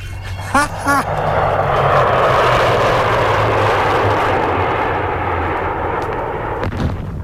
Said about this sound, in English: Shh! Hold on, Herbert, watch a plane, man. That must be a Ganja plane.